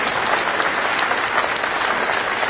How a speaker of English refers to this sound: And I know that it's the easiest for the Democrats to get into the room because that's the party that I'm registered with, but let's have a round of applause for the Democrats just because we're fair, aren't we?